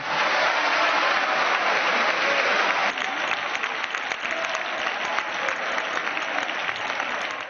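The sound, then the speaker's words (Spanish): Sustained applause from a whole parliamentary bench, a dense steady clatter of many hands clapping at once for the full length, loud and without voices standing out. “Y hay toda la bancada aplaudiendo, claro.”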